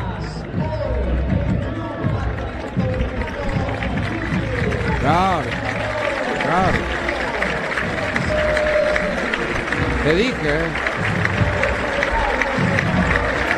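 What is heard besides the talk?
stadium crowd applauding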